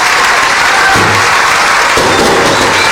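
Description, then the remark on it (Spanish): A loud, steady burst of audience applause fills the whole stretch, dense and continuous clapping from a crowd with no voices standing out. “Y los aplausos cuando yo digo...”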